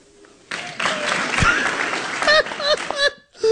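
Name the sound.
applause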